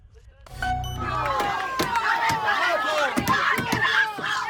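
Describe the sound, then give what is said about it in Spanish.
An angry crowd in Hornachos, Badajoz, Spain, shouts "murderers" loudly and continuously as a Guardia Civil van arrives with two detainees, many overlapping voices yelling at once, with sharp knocks and bangs breaking through the uproar after a brief low rumble at the start. “Gritos de asesinos y mucha tensión a la llegada a Hornachos en Badajoz del furgón de la Guardia Civil con los dos detenidos por el crimen de Francisca Cadenas.”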